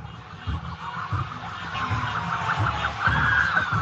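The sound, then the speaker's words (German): Sirens wail steadily from police cars driving ahead of a bus as they reach the edge of a roundabout. The sirens sound over a rumbling backdrop of traffic and crowd noise, and the warbling tones grow a little louder toward the end. “Polizeiautos fahren vor ihm her.”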